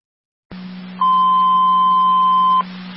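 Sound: alarm beeping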